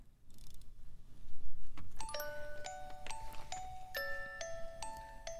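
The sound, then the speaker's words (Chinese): After a brief low rumble, a music box with a dancing figure starts playing a tinkling melody of bright, bell-like plucked notes at a steady, gentle pace, heard clearly. “好的，这样的一个铃声你想到什么啊？对呀，跳舞的音乐盒。”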